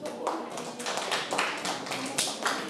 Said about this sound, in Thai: ข้อที่หนึ่งถูกต้องปรบมือให้ตนเอง